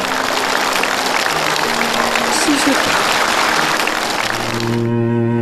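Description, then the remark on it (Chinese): Sustained audience applause for a guest on a talk show, a dense, steady wash of clapping at an even loud level for about five seconds, ending abruptly as a low musical tone takes over. “你在你今天的谈吐中，在你的行为当中，已经对母亲表示了原谅，这也是我们敬佩你的一个很重要的原因，我为你鼓掌。”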